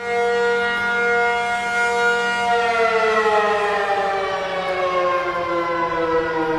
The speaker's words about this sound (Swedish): Ja, så här lät det när de blåste faran över i tunnelbanan häromdagen.